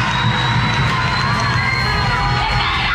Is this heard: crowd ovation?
yes